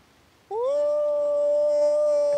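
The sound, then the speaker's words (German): A person imitates a wolf, letting out a single loud, sustained howl that rises at the start and then holds a steady pitch for about two seconds. “Hab ich gelernt auf dem Manager-Seminar. Wie ein Wolf zu heulen.”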